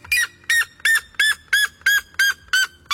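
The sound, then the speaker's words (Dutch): A very loud, harsh bird call reaching about 120 decibels repeats in a steady rhythm, about nine piercing honking screams in quick succession, intense with no talking. “Hij zou wel eens de hardschreeuwende vogel ter wereld kunnen zijn. Hij tikt namelijk de 120 decibel aan.”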